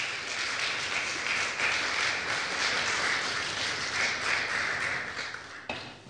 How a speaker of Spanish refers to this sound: ¿Cuánto dicen gloria de Dios? Un aplauso poderoso al Señor, por favor.